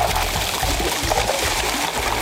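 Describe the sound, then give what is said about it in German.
Crushed ice pours and tumbles into cold water in a mobile ice-water tub used to cool heatstroke patients, during a practice run in Schwäbisch Gmünd, Germany. A steady, rushing splash with rattling clinks, continuous for a couple of seconds. “Gecrashtes Eis in kaltes Wasser.”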